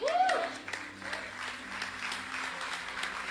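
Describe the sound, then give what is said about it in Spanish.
A crowd applauds steadily, a dense wash of clapping hands, with a raised voice and a brief rising tone sounding over it at the start. “Si ese aplauso equivale a la revelación, necesitamos continuar pidiéndole a Dios que nos dé el entendimiento.”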